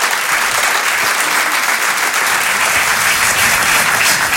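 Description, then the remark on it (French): Loud, sustained audience applause welcoming a comedy duo onto the stage at Rire et Chanson, a dense wash of many hands clapping at once that stays steady and full throughout, with no voices breaking through. “On peut les encourager, les applaudir très très fort s'il vous plaît.”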